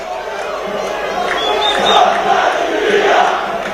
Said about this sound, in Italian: Ascoltiamo il coro, perché ci sono i tifosi del Taranto che stanno chiedendo alla squadra di lasciare questa categoria, la promozione, obiettivo di questo finale di stagione.